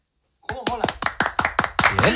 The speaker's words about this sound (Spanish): ¿Estabais tardando en dar un aplauso a Vitaldent? ¡Claro que sí! Muy bien.